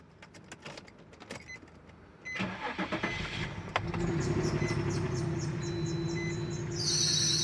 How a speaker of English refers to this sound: Bro, I don't think your car's supposed to make that noise. Nah, it's fine. It just does that sometimes. No, for real. Go get that checked out before you drive.